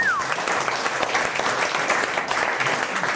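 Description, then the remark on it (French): Sustained applause from an audience for a contestant, dense steady clapping that fills the whole stretch at a fairly loud, even level, with no one talking over it. “La protection, et pour le coup, on applaudit notre conseil.”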